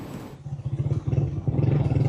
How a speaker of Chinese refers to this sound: 27号，总台记者乘坐摩托车向着拉瓜伊拉州行进，一路上能够看到有大量建筑物因地震受损，还能看到一些军车、救援车辆也在前往重灾区。